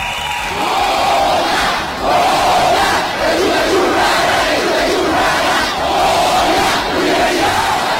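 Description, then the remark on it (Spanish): A loud stadium crowd chants the Pumas' Goya cheer in unison, a steady rhythmic roar of many voices rising and falling in regular phrases for several seconds, with no one speaking over it. “El Goya, por favor, el Goya.”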